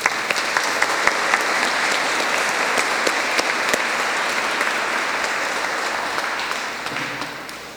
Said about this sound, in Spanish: Terminamos con un aplauso a la Virgen del Rocío.